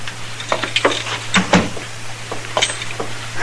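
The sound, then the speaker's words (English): A door being opened, with a scatter of sharp latch clicks and rattling knocks over a low steady hum, and no one speaking. “Open the door, Dillon.”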